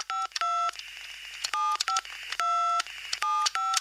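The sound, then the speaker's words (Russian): A rapid series of electronic tones from a telephone answering machine that records callers' messages, short two-tone beeps in irregular bursts, loud with no voices. “Телефон автоответчик записывает ваши голоса.”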